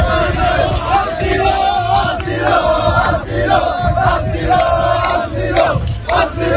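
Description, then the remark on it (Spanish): A large crowd of migrants chanting "asilo" (asylum) in unison as they return to the beach, loud and rhythmic, the shouted slogan repeating in steady bursts with a dense wash of voices throughout. “Al grito de asilo, asilo, los migrantes, como acabas de escuchar, vuelven a la arena.”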